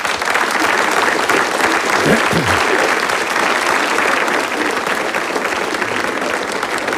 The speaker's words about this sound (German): Wir müssen jetzt nicht jedes Mal klatschen, wenn Sie was verstanden haben. Das dauert mir zu lange.